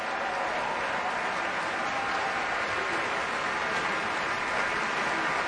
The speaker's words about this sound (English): Damari McGill back out on stage now, and much applause from the crowd here at Davies Symphony Hall and from the members of the San Francisco Symphony.